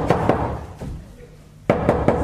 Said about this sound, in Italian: Bussano. Ho sentito, apri.